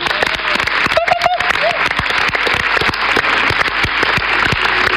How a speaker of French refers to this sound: À l'administration de toute cette chose, je vous demande d'applaudir particulièrement fort ce soir